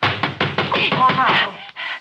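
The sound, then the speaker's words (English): A door is slammed shut and locked with several sharp thuds in quick succession, and a voice calls out over the impacts before a brief pause. “I slammed the door and locked it in his face.”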